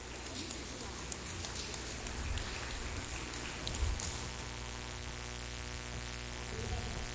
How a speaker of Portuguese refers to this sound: Preste atenção, crianças. O grupo Pequeno Galileu e o grupo Tim Sal da igreja. As palmas glorificam o Senhor.